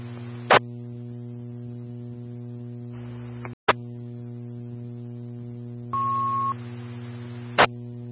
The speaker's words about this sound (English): Bloomfield Engine 1, the tones are baby box alarm at 911 North 1st, Bloomfield Station 1. Again, the tones for baby box alarm at Station 1, 911 North 1st.